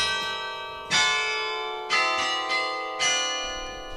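Carillon bells in a belfry at Berg near Dunkirk, France, ring out in a slow sequence of bright, resonant strikes, each tone blooming and decaying into the next with rich overtones, fairly loud with no voices.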